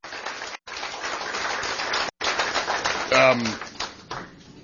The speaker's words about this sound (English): A round of applause.